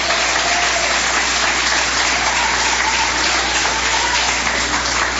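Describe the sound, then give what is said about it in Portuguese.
Sustained applause from an audience, clapping to glorify God as they take their seats; a dense steady wash of many hands clapping at an even loudness throughout, with no voices standing out. “Podeis assentar, assentando palmas que glorificam a Deus.”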